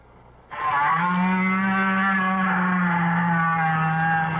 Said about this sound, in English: If you agreed with these guesses, you've been fooled, because each sound was made by a whale. That's right, a great big blubbery old whale just buzzing and clicking and grunting away deep down in the ocean.